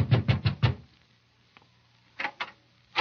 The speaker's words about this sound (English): so I took a fast distance to the home of the late George Grant. I knocked at the door.